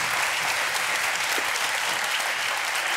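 Steady audience applause fills the whole stretch, a dense wash of many hands clapping at an even, sustained level with no voices or pauses breaking through.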